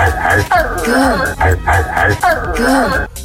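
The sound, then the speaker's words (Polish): Drake mimics a dog barking, letting out a quick series of loud, rhythmic woofs with rising and falling pitch, and no other sounds around them. “I to było jakiś czas temu, a internet nadal nie może tego przeżyć, że Drake szczeka.”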